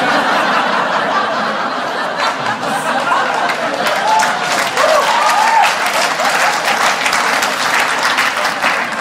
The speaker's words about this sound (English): You guys just applauded bullies. I hope you're okay with that.